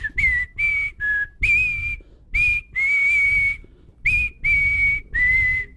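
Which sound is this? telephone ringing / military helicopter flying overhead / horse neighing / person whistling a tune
person whistling a tune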